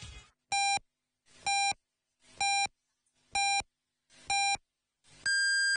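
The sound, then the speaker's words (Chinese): Five short, evenly spaced electronic beeps a second apart, then a longer, higher-pitched final beep, the classic radio top-of-the-hour time pips marking 17:00 Beijing time, loud and clear with faint hiss between tones. “北京时间17点整”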